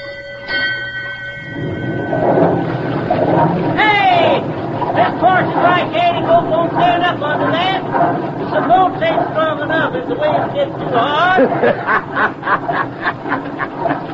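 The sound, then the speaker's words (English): A bell-like tone rings out, then the loud, steady mechanical churning of a steamboat's paddle wheel turned up hard rises and thumps in a quickening rhythm, with squawking voices and calls mixed in over it. “Signal the engine room to turn up the paddle wheel hard.”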